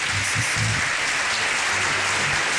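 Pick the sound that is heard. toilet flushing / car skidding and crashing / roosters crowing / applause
applause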